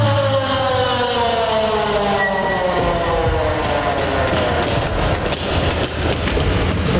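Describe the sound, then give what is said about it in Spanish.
A loud, continuous ambulance siren wails on the way to a hospital, its pitch sliding steadily downward as though it is passing, with rumbling traffic or road noise underneath and no voices. “Los paramédicos estuvieron allí en minutos y yo subí en ambulancia con ellos.”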